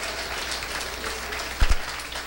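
An audience claps steadily as an offering of praise to the Lord, in a dense, sustained wash of applause, with a couple of louder thumps near the end and no voices standing out.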